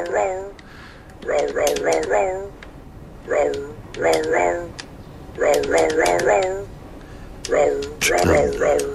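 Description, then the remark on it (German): A toy dog guitar plays a jaunty series of synthetic barking dog sounds, arranged in quick rhythmic bursts with short pauses between phrases, bright. “für die Leihgabe dieser wundervollen Hundegitarre übrigens.”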